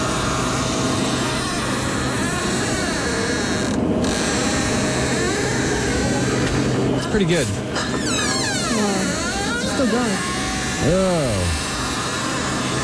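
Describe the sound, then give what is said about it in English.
A loud door creaks and squeaks in several long, pitch-bending groans that rise and fall, with a brief spoken remark over the steady noisy background. “Can we listen to this squeaky door”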